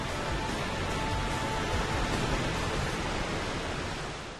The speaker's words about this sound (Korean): 아득히 울려 퍼지는 폭포 소리를 듣고 있으니 대자연이 들려주는 거대한 위로가 온몸으로 전해지는 듯합니다.